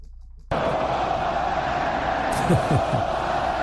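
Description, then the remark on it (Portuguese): A dense stadium crowd of Spanish football fans roars steadily at a match against France after a brief quiet start, a wall of many voices with occasional rising shouts and whoops standing out near the end. “Hora da gente ouvir o som da torcida espanhola.”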